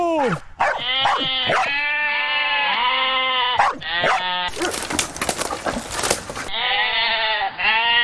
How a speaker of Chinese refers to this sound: 你看，我们现在一只狗站在这儿，一群羊在我面前，它们根本就不敢过来。